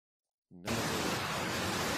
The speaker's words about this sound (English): Now it's loud. Very loud. Is it a flood? It's a big flood. It's a torrent of water. There it goes. Now it's not so loud. It's a torrent of water carrying all these cars and trucks down the river. That was impressive.